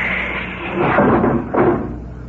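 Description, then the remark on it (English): A steady mechanical hiss with two louder whooshing surges as a spaceship airlock's outer door opens in stages after the lock is pumped out. Sci-fi airlock door sound effect, fairly loud, with no voices. “Open the outer door, Doc.”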